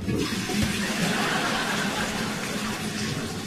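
Water churns and sloshes steadily inside a toilet bowl as a shirt is used to scrub splashes of liquid feces from inside it, a continuous rushing sound like scrubbing or flushing, with no voices.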